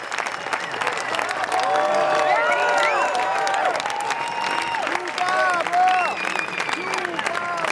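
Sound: concert audience applause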